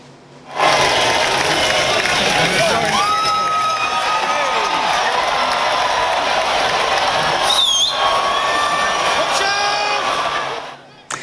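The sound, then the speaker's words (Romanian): A large outdoor crowd cheers and shouts continuously at the annual cheese-rolling race in a village in England, a dense roar of many voices with scattered whoops and yells rising above it, loud and sustained for about ten seconds. “Într-un sat din Anglia a avut loc ediția anuală a celebrului concurs de alergat după brânză. Zeci de oameni s-au aliniat la start.”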